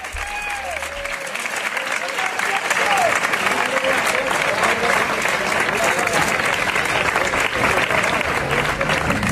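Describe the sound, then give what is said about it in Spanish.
A crowd claps steadily and loudly as the coffin of Pepe Habichuela enters the Teatro Isabel la Católica in the afternoon. It is a dense continuous wash of hand clapping that swells after a soft start and holds for the whole stretch, with a few faint voices mixed in. “Estas son las palmas a la entrada del féretro en la tarde de ayer.”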